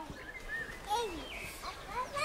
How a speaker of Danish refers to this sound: Nu kommer vi dybere og dybere ind i labyrinten. Og det er ikke, fordi det bliver mere uhyggeligt. Det bliver på en måde mere idyllisk med fuglekvider.